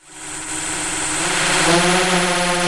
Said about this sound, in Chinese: 另一套巡田无人机上了天，水稻长势，哪里长草，哪里缺水，飞一圈全看清了。